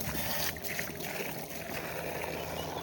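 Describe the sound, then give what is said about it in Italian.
Water pours steadily from the Orso fountain, a continuous loud splashing rush with no pauses and no voices. “Ed eccoci alla fontana di Orso, finalmente.”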